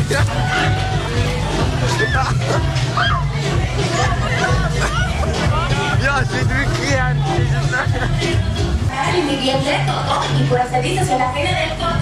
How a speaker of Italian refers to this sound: Urla, grida, divertimento e a volte qualche scazzottata. La Langstrasse è la strada festaiola per eccellenza a Zurigo, con ristoranti e club aperti fino al mattino.